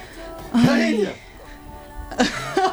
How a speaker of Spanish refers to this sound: No, yo estoy estornudando, la perdóneme.